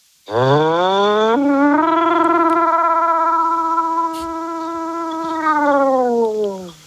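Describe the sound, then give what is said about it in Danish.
A single voice, a caller phoning in from Roskilde, imitates a siren: one long sustained wail that rises in pitch, holds steady with a slight wavering vibrato for several seconds, then slides back down at the end. “Jamen, lad os høre noget sirene.”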